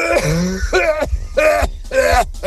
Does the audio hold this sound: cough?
yes